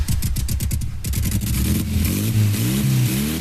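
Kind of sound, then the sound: vehicle, motorcycle engine revving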